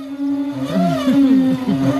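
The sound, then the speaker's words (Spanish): A beach shower running, heard as a steady droning whine from the pipes with wobbling, swooping squeals over a faint hiss of water, fairly loud and continuous throughout. “O sea, hay que saber qué ducha es, si es una ducha de cuerpo o es una ducha de pies, y dónde está, no solo la provincia, sino la playa concreta”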